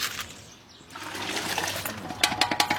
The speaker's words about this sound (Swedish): En bit längre ner på gatan håller en man på och diskar sina grytor.